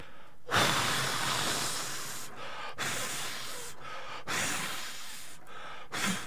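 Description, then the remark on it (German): Someone blows hard at birthday candles in four long, forceful, breathy gusts separated by brief pauses, each a loud whooshing hiss of air, with no talking. “Du musst das ausblasen.”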